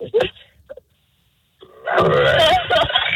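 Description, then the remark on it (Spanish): A dog gives a short, rough bark that sounds like a cough, then a faint second yelp, followed after a pause by a longer, loud stretch of raspy, hacking, phlegmy barking. “El perro, ¿cómo suena el perro?”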